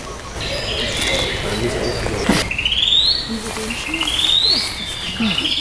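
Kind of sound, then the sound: bird, song thrush singing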